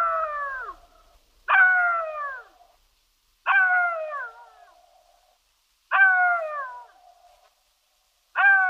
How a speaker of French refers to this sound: Parce qu'il hurle à mort, rôde autour des cimetières et se nourrit de cadavres, le chacal est un animal de mauvais augure, au même titre que le loup.